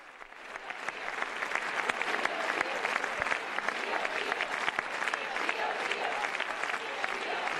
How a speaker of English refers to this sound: But you can see how much the visit means to the people here. This is a very long round of applause.